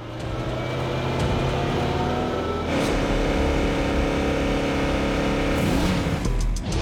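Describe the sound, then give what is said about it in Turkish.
A car engine revs loudly and holds a steady, droning pitch at about 4200 rpm during a noise test against an 80-decibel registered limit, with brief bursts of extra throttle around the middle and near the end. No one speaks. “Eğer 80 desibelli kayıtlı gürültü seviyesine uymazsa araba bağlanacak.”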